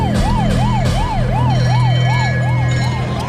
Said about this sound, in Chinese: 枪声中远远传来警车的警铃声。